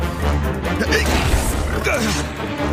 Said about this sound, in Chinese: 是那条怪狗